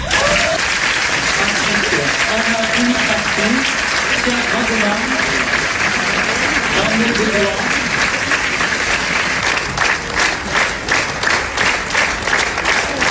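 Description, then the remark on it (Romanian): Sustained, loud applause from a large audience at Cannes for the world premiere of the film Jurnalul unei cameriste in the Quinzaine des Cinéastes section; a dense wash of clapping that grows more rhythmic near the end, while a voice talks faintly underneath. “Jurnalul unei cameriste a fost aplaudat minute în șir la Cannes.”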